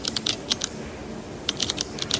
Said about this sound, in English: A pen? Yes. Clicking? Yes.